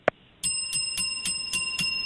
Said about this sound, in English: You got it. Ring that bell.